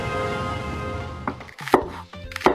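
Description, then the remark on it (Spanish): A knife chops chili and bell peppers on a cutting board for a stew: a few sharp, uneven knocks, coming in after a steady humming tone fades out. “Así es, vecino, estoy picando ají y pimentón para el guiso.”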